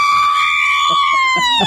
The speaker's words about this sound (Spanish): ¿Y cómo te sientes después de ver la selección mexicana ganar? Bien feliz, ¿sí? Bien feliz. A ver, un grito mexicano.